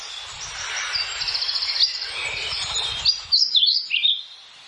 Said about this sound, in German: Dann der Trauerschnäpper.